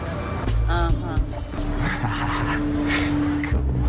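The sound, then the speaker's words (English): A person vocally imitates a dog with a few whiny, voiced yelps and howl-like sounds, moderately loud, over a steady low hum and background noise. “That's my other dog imitation.”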